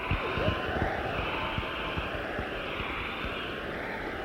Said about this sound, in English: How many members of this audience are male? Please clap.